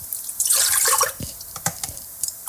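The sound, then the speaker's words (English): Milk is poured from cups into a pot while making bannock, in a short, splashing stream that then breaks into a few scattered drips and trickles, with no voices. “Pouring the milk in cups into the pot.”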